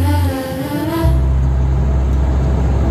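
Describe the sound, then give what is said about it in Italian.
A vehicle engine drones loudly, its pitch shifting briefly at the start before settling into a steady, low rumble of driving on the road at about 70 km/h. “Guarda che roba, si viaggia, bestia, guarda che meraviglia. 70 all'ora. 70 all'ora che ho raggiunto, crono tachigrafo.”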